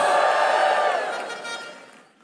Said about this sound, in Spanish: Los sabios den un grito de júbilo al Señor.